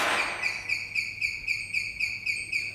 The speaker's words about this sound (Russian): Нажимаем на кнопку. Все пропитано звуками уже на подходе. Со звуком открывается дверь в тамбур.